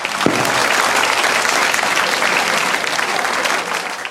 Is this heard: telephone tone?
no